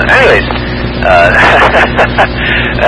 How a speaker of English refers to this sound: But anyways, I'm getting in the traffic here at by the Beaufort High School here.